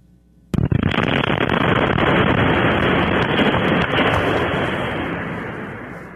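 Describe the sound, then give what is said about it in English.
A sudden, powerful explosion at an industrial recycling facility in Toledo, Ohio, at about 5 in the morning bursts in after a brief quiet moment, then a heavy, rumbling roar that carries on for several seconds and slowly fades. No voices. “Out to Ohio, Cleveland, our affiliate there, WJW, and a big explosion erupting in Toledo, sending shockwaves through neighborhoods nearby.”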